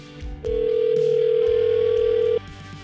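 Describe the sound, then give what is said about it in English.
A phone call placed by the 101.9 POR radio show ringing out: one steady, loud ringback tone lasting about two seconds, heard over a faint low background bed with no one speaking. “But we got to call and get him on the phone right now.”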